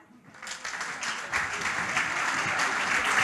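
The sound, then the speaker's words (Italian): Sustained audience applause for a performer at the 25th edition of Disco Novità builds quickly from a quiet start into a dense, steady wash of clapping, loud and continuous throughout, with faint cheers mixed in. “E adesso noi proseguiamo per questa 25esima edizione del Disco Novità con un applauso fortissimo per”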